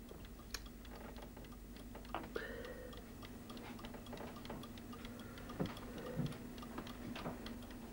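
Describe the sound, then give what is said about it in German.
Steady, dry ticking of a clock with a wooden clockwork mechanism and a wooden dial, fairly quiet, with a few slightly louder knocks over a faint low hum and no talking. “Der Nachbar baute dann im Winter die Uhrwerke dazu, wenn der erste Schnee gefallen war.”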